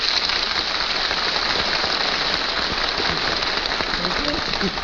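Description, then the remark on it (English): A studio audience claps steadily for Red Skelton, a dense, continuous wash of many hands that stays at an even, fairly loud level for the whole stretch, with no voices rising above it. “Fred, why is it you applaud every time you see me?”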